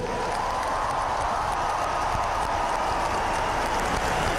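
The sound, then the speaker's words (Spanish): Thunderous applause from 18,000 volunteers at IFEMA after a blessing by the Pope: thousands of hands clapping in a dense, steady roar that holds its loudness for the whole few seconds, with no voices standing out. “El IFEMA se cae con el aplauso de los 18.000 voluntarios.”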